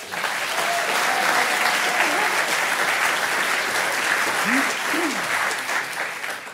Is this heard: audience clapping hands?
yes